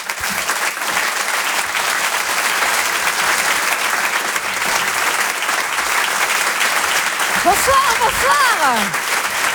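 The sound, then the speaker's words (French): Loud, sustained applause from a large audience, dense and steady, with a few voices calling out or cheering near the end, as a comedy writer is introduced on stage. “Merci d'applaudir, s'il vous plaît, très fort”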